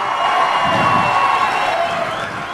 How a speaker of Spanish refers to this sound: Un fuerte aplauso